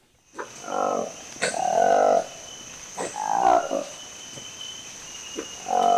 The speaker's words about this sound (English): Any guesses? Well, that's the dramatic sound of a new species of monkey that researchers have confirmed they found in the forests of a national park in the Democratic Republic of Congo.